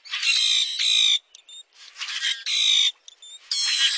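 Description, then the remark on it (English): A common grackle gives harsh, metallic, buzzy squeaks in repeated bursts, loud, each grating phrase separated by brief thin whistles and short pauses, with no other sounds around. “Some birds sound almost mechanical, like the metallic song of the common grackle.”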